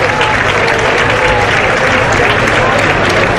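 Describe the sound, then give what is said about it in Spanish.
A large crowd at a bullfight in a bullring in Huelva applauds steadily and loudly, a dense wash of clapping filling an open arena, with faint voices mixed into the roar. “Y el aplauso de toda Huelva.”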